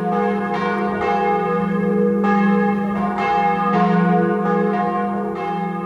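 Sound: church bell ringing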